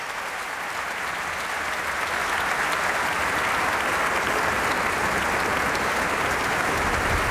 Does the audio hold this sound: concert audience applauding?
yes